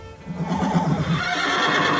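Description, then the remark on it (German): A horse whinnies loudly in a horse stable holding two horses, a quavering neigh rising and trembling over about two seconds, with a faint rustle of stable ambience behind it. “Es war wahrhaftig ein Pferdestall. Genau wie ich es mir gedacht hatte. Und drinnen standen zwei Pferde.”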